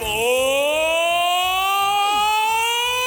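A loud alarm siren holds a continuous, buzzy harmonic tone that slowly climbs in pitch, with a steady low thumping pulse repeating underneath. It is a radio show sound effect called the "allarme sensualità" (sensuality alarm).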